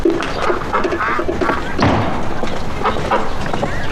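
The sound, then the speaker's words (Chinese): Two domestic ducks kept in a pen, named Da Ya and Er Ya, squawk and chatter busily while being fed, with scattered soft thumps and a faint human voice mixed into the continuous, lively noise. “哎，这是喂鸭子呢。”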